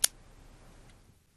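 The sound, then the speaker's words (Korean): A crisp ballpoint pen click rings out at the start, then a much fainter second click follows almost a second later against a quiet background. “딸깍 딸깍 이 소리.”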